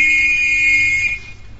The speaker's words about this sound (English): Here, hold this whistle and play that note.